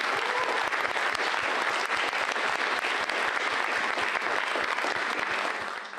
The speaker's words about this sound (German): Und das ist auch möglich, danke der Kultur- und Heimatverein Klein-Kühnau. Danke und bitte einen Applaus.